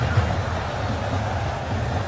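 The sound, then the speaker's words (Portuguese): Very heavy rain pours down mixed with crowd noise at Lincoln Field, home of the Philadelphia Eagles in Philadelphia, during a football match with Iraq's team, a dense, steady hiss over a deep continuous rumble that holds at an even loudness throughout, with no distinct voices standing out. “vamos escutar aqui, ó, som ambiente mostrando a força da chuva nesse momento lá na Filadélfia”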